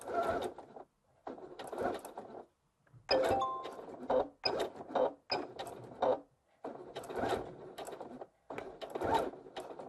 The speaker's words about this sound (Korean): 그리고 테이프 끝에 시접을 1cm 접어서 시작점에 맞춰주시고, 그리고 중간중간 선들을 맞춰가면서 쭉 2mm 정도로 봉제를 해줄 거예요. 첫 지점에서 되돌아받기 해주고 시작할게요.